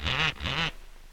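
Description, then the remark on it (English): A parrot lets out two loud, harsh squawks in quick succession, nasal, almost like a duck's quack, followed by a brief quiet moment. “Who taught that parrot to do that?”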